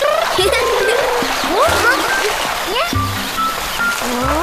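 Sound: waterfall splashing water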